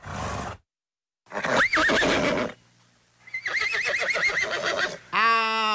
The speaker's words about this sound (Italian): Se scegliamo il nitrito del cavallo, sembra che stiamo chiamando solo te.